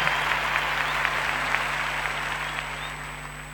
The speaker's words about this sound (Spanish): aplauso. …, la Filarmónica de Mendoza.